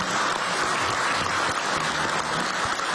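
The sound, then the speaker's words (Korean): A crowd applauds steadily, a dense wash of clapping that stays loud and even throughout with no voices rising above it, applause for the Prime Minister for his hard work over 363 days in office. “우리 고생하신 총리님한테 박수 한번 드릴까요?”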